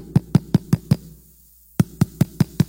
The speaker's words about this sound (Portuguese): Aí os quatro mendigos vai lá e bate na porta trancada.